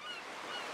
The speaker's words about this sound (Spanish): ¡Y el mar!